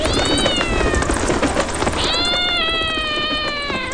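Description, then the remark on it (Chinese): A wild cat lets out two long, drawn-out meows back to back, loud, with a steady rustling background noise underneath and no talking. “野猫来了， 大家立即起飞。”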